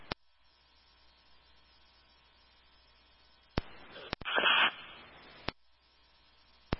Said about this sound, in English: Manager, all static. I can't copy you.